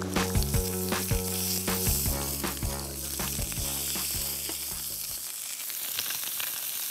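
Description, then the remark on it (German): Food sizzles on a charcoal grill as it is briefly seared on both sides, in a steady, crackling hiss, with a low tonal hum underneath that drops away near the end while the sizzle carries on. “Wir grillen sie von beiden Seiten einmal kurz an, und damit sie schön die Röstaromen haben.”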